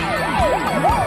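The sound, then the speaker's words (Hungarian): Emergency vehicle sirens wail in quick rising and falling sweeps, overlapping one another, loud, with a steady rumble of traffic underneath. “A szirénák.”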